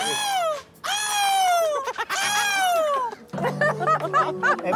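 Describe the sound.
Several voices imitate seagull calls with loud, high, harmonic squawks: three long descending cries, then a rapid series of shorter choppy yelps over a low hum.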